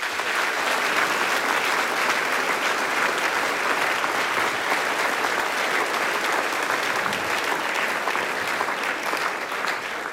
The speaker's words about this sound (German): Begrüßen wir es herzlich mit einem Applaus.